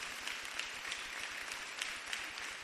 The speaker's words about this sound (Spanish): Démosle un aplauso al Señor todos los que ya hemos recibido al Señor.